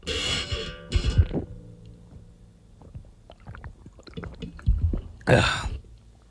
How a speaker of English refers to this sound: I'm going to drink water. You guys want to join me? You guys want to join me to drink water? Here we go. All right. Microphone is in position.